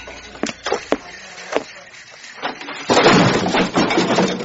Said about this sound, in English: What the? Did you see that? The door fell off.